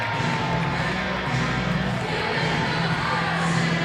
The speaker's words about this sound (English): It has been a sparse crowd. It's been a very inactive crowd here tonight at the ballpark. They've done everything they can to try and pump them up.